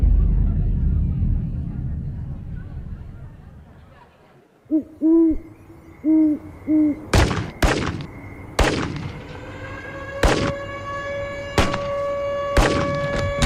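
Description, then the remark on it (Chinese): Several sharp, echoing gunshots crack out at irregular intervals, following a short run of low hooting calls, with a steady ringing tone lingering underneath. “我听到了警报和枪声。”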